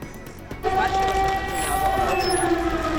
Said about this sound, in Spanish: Las alarmas antiaéreas vuelven a sonar en Kiev, en plena visita del canciller alemán Merz.